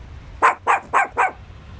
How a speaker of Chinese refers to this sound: 啊，小狗竟然在唱歌。